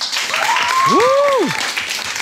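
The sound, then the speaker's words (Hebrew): A crowd at Palmachim base applauds steadily in honour of a newly established squadron, the dense clatter of clapping holding at an even, fairly loud level, while a brief rising-and-falling whistle-like tone swoops over it midway. “נשמע כפיים? נשמע כפיים?”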